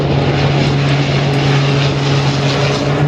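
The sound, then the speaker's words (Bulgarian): A small propeller firefighting airplane drones loudly and steadily throughout, its engine hum constant, with no voices present. “Борислав Лазаров прави самостоятелно проучване и запитване до канадска компания, която произвежда малки противопожарни самолети.”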